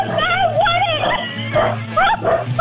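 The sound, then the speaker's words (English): A dog barks and yips excitedly in quick, high-pitched bursts, loud, with a few whimpering tones mixed in over a steady low hum. “Even the dog is cheering.”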